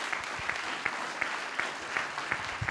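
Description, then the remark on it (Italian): An audience applauding guests at a civil protection event, including Liguria region president Marco Bucci and Fabio Ciciliano, head of Italy's National Civil Protection Department: a dense wash of clapping with sharper individual claps popping out at regular intervals, sustained at an even level throughout. “Ciao presidente, siediti pure lì e l'applauso più forte, anche perché viene da più lontano, e poi al capo l'applauso si deve sempre fare molto forte, il capo del Dipartimento Nazionale di Protezione Civile, Fabio Ciciliano.”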